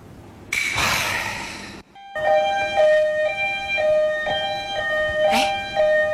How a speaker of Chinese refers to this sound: 救护车干啥？